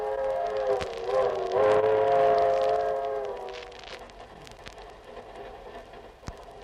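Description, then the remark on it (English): Aboard a passenger train travelling from New York to California, the train whistle wails with a steady chord for a few seconds, then fades into the low rolling rumble of the moving train, with occasional sharp clicks from the rails. “So now we take you aboard the train where we pick them up one day before their arrival in Hollywood.”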